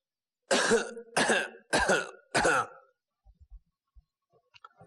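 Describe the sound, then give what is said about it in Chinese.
An old beggar gives four loud, hollow, rattling coughs in quick, even succession, followed by a couple of seconds of near silence with a few faint clicks. “从这个咳嗽的动静啊”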